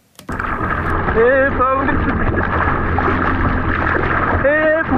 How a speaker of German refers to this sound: So könnte es klingen, wenn ein Schwimmer in der Ostsee vor Warnemünde in Not gerät. Jetzt zählt hier jede Sekunde. Das ist allerdings nur eine Übung.